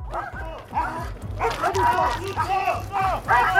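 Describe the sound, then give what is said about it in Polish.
Several patrol and tracking dogs of the Police and the Railway Protection Guard bark in quick, overlapping bursts, loud, growing busier after a brief opening volley, with a steady low rumble underneath, during training exercises at Łódź Kaliska railway station. “W szkoleniu uczestniczyły również psy Straży Ochrony Kolei.”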